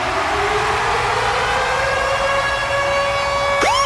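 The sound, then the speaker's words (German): The Virgin Radio Ticket Alarm jingle: a loud electronic siren sweeps slowly upward in a steady wail, then breaks into a rapid rising-and-falling yelp near the end, with no voices. “Und zwar immer dann, wenn ihr unseren Virgin Radio Ticket Alarm hört, dann steht da Achtung.”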